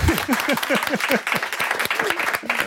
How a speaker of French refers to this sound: On peut applaudir.